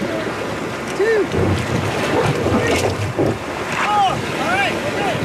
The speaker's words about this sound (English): they might get wet as they push the raft into the cold water